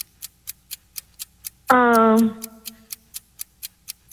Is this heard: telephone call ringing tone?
no